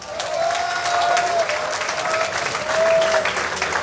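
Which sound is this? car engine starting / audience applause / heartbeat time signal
audience applause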